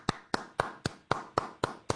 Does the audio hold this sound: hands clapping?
yes